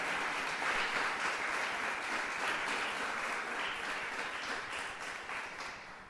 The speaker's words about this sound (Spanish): Hermana, hermano, si le va a dar un aplauso al Señor, déselo. Porque Él se merece ese aplauso.